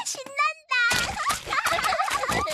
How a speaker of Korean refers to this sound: 오, 토끼 할아버지. 진흙탕은 어때요? 이것도 운동 많이 돼요? 물론이지, 페파. 첨벙첨벙 뛰면 운동이 되지.